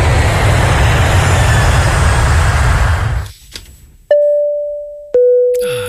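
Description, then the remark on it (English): An airplane cabin ding-dong chime rings out clearly, two tones, higher then lower, each sustaining and fading, following a few seconds of steady roaring cabin noise that abruptly drops away. “When I hear that, I just automatically, I'm on a plane as soon as I hear that ding-dong.”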